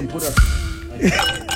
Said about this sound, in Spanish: Que suenan los hielos. Qué suena, los hielos.